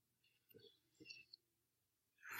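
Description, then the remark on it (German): Pages of a Bible are turned while looking up 2 Peter 1:21: two soft papery rustles with light ticks between them, then a louder, sharper swish of a page flipping right at the end. No talking. “In 2. Petrus 1:21, gern gab mir noch zu blättern.”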